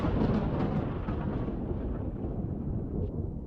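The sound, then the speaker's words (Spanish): A deep, sustained rumble of thunder from an approaching storm rolls on for several seconds, loud and heavy in the low end, gradually fading as it trails off, with no voices present. “Uy, qué tormenta se viene.”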